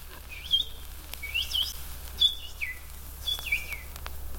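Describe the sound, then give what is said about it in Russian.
Small birds chirp and sing in repeated bright phrases, several short bursts over a steady low background hum, moderately loud, with no voices. “А птички-то, птички играют свое.”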